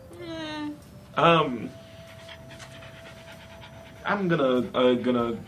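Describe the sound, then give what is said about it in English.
A dog pants in short, breathy bursts separated by pauses, with a faint steady hum running underneath. “And I thought it'd be heavy enough to keep the dog down. It was not.”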